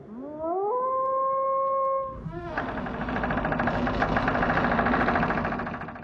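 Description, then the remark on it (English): A single wolf howl from the film Wolf Creek rises and holds for about two seconds before a steady engine rumble takes over and continues to the end. “Yeah, I reckon that's Wolf Creek.”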